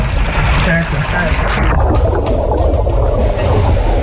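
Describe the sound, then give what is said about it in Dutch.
A car driven into water on purpose as a practice activity, so people know what to do if it happens: loud, steady churning and rushing water with deep gurgling throughout, a bright hiss easing off after the first couple of seconds as the low rumble continues. “Hij had bedacht om bijvoorbeeld met een auto te water te gaan, zodat je nou, weet wat je moet doen als dat een keer gebeurt.”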